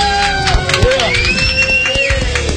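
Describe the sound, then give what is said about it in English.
An audience claps its hands in praise of the Lord in scattered, overlapping bursts, loud, while voices shout and cheer over the applause. “give the Lord a hand clap of praise today.”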